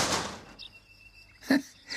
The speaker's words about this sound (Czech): Takhle práskat dveřmi, to je paráda.